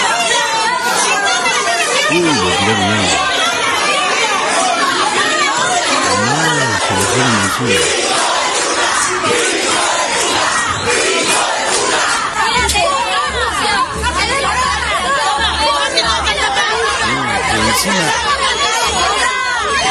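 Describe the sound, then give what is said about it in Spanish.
An angry crowd in Villa Gesell shouts in uproar at a council member who voted against health service funding. Many voices overlap into a loud, dense roar of yelling that stays constant and chaotic for the whole stretch, with no single voice standing out. “Mirá el lío que se armó.”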